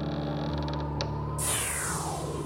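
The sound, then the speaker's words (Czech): A door creaks slowly open with a drawn-out, groaning squeal that shifts partway through, with no one speaking. “Večer se otevřely dveře”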